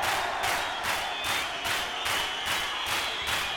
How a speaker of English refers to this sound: Hands up. That applies to all of you. Now clap your hands.